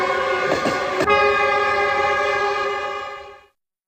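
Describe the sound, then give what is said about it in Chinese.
A train, carrying passengers travelling to Guizhou, China, sounds its horn in one long, loud, steady blast lasting several seconds before cutting off abruptly, with brief mechanical rattling of the train just before the tone settles in. “刘家母子当即动身搭乘火车赶赴贵州。”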